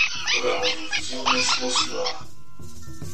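A pack of dogs barks and yelps in a dense, overlapping burst for about two seconds, fairly loud, then drops away to a quiet, sparse tail.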